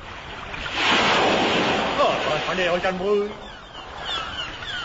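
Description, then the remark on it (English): A steady rush of ocean waves surges and washes on the Gulf Stream around a raft headed for England, with blustery wind noise on the microphone and brief muffled voice-like sounds rising midway through. “With the Gulf Stream behind them, Neddy and Co., with the imitation equator aboard, made for England on a self-drive raft.”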